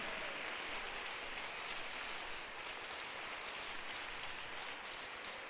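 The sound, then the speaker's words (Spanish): A crowd claps steadily and loudly for several seconds as a strong applause to the Lord, a dense, continuous wash of many hands with no voices rising above it. “¿Cuántos pueden darle un fuerte aplauso al Señor?”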